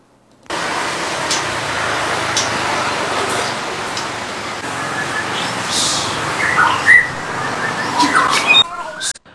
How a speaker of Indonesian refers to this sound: Bermodalkan hobinya memelihara burung murai batu kicau, seorang peternak nekat untuk membudidayakan burung murai batu Sumatera di pekarangan rumahnya yang berlokasi di Kota Padang Sidimpuan sejak tahun 2021 lalu.